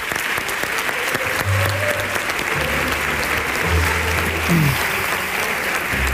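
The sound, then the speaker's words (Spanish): A crowd claps steadily in a dense, continuous wash of applause, loud and even throughout with no voices standing out, as a theatre audience at the Teatro de la Zarzuela applauds for Pepe Sacristán. “Un aplauso para Pepe Sacristán.”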